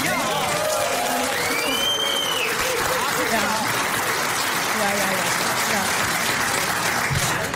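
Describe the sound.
Steady, dense audience applause fills the whole stretch at a loud, even level, with a short rising-and-falling whistle early on and indistinct crowd voices mixed into the clapping.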